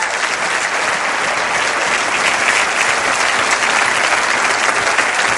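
Steady, dense clapping from a large audience during a sermon on forgiveness, applauding the harvest of forgiveness, fills the whole stretch at a loud, even level, a continuous wash of many hands without pauses or voices standing out.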